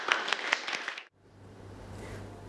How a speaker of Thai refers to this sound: ปรบมือ